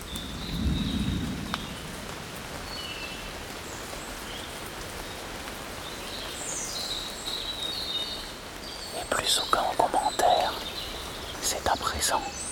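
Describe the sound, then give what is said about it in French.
Steady patter of rain with a low rumble of thunder early on, birds chirping faintly, and a cluster of sharp raindrop hits toward the end. “Quelques gouttes de pluie.”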